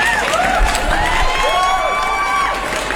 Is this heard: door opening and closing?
no